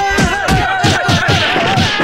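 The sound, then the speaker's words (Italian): A group of people each give one big slap together on a count of three, in a rough rhythm, about eight loud, dull smacks with low thuds over roughly two seconds, backed by a steady hum of voices. “Vi facciamo sentire quanti siamo! Dateci tutto uno schiaffone, dai!”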